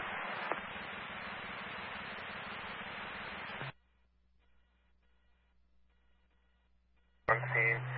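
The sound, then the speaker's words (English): Westerly Fire Department radio testing tones on the air: a burst of hissing radio static with a low steady hum underneath cuts off abruptly, leaving near silence, then another loud radio transmission kicks in with a buzzy tone. “on the air testing tones for the Westerly Fire Department, 1901.”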